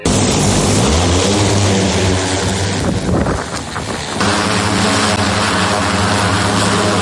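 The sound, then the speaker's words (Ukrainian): Heavy drone propellers buzz loudly and steadily in flight during an operation to evacuate a wounded soldier, watched by several soldiers, a dense droning whine with strong low harmonics that briefly wavers and thins before returning at full strength. “Один контролює важкий дрон, інші слідкують за небом, аби поруч не було ворожих безпілотників.”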